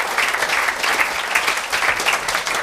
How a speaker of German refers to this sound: Er kriegt natürlich auch einen Applaus.